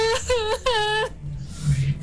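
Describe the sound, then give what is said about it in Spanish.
A voice imitates the loud, horrible, inconsolable wailing cry of a woman heard in the street: two long, quavering, falling sobs, followed by a breathy, hissing trail-off with a low hum underneath. “y se comenzó a escuchar en la calle, en el frente, como alguien que lloraba, una mujer que lloraba, pero lloraba desconsolada.”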